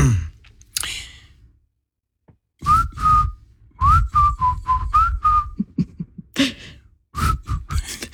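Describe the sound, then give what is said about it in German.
A person whistles a catchy pop melody in short phrases, fairly loud, with breathy pauses and a bit of stifled laughter or breath noise between notes. “kannst du eigentlich so gut pfeifen wie …?”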